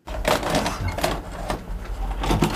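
A VHS recorder being operated in a Munich hotel room that holds a collection of VHS tapes: a steady run of mechanical clicks, clunks and whirring as buttons are pressed and the tape mechanism moves, with no one speaking.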